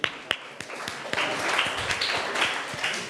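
A group claps together, starting with a few sharp separate claps that quickly build into steady, dense applause from many hands close by, lasting a few seconds with no talking.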